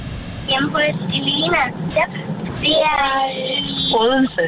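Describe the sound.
People talk inside a car, their voices close and clear over a steady, low rumble of engine and road noise that continues throughout.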